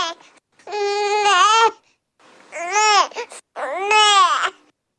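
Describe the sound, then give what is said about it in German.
An infant's hungry "neh" cry, three loud, clear wails in a row with short pauses between them, each rising and falling in pitch, with no other voices; the baby is signalling hunger and that it is time for breastfeeding or the bottle. “Mit diesem Laut ne bestellen Baby ihre Milch. Das heißt, das Baby sagt Bescheid damit, dass es Hunger hat, dass es jetzt Zeit zum Stillen ist oder eben für das Fläschchen.”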